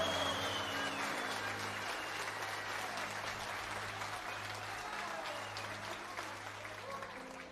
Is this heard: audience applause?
yes